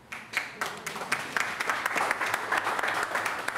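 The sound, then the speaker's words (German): A crowd applauds steadily for the departing head of the Essener Tafel food bank in Essen, dense overlapping hand claps forming a sustained patter that swells after a brief start and stays fairly even throughout, with no voices over it. “Applaus.”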